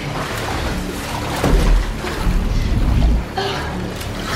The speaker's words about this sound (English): She looks down and notices that water is starting to fill a glass box that she is trapped in. Hey! Hey! Tris tries to break the glass as the cell gradually fills with liquid.